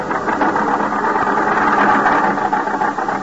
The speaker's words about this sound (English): the storm is increasing now. The little car lurches and bounces in its fight to keep the center of the highway.